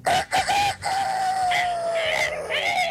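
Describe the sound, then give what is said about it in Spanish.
A person's voice imitates a rooster crowing as a wake-up call: a few choppy opening bursts, then one long, loud, drawn-out call that slides slowly downward, heard on its own. “Así, avíntese su grito de gallo como para despertar, a ver cómo le sale a usted.”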